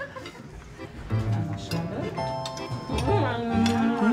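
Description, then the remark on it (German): Glasses clink together in a toast, a few bright chimes ringing out amid a lively crowd of voices calling and cheering. “Prost! Prost! Prost!”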